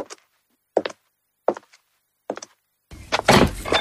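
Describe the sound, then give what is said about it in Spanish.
Four firm knocks on a wooden door, evenly spaced, followed by a louder rustling clatter as if the door is being opened. No voices. “La inspiración llama a mi puerta.”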